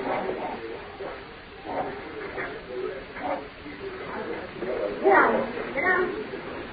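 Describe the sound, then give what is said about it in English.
Two very large Great Dane dogs blocking a door give a series of deep barks mixed with whining whimpers, with one louder outburst near the end, while people talk over them. “Two very large Great Dane dogs blocking the door.”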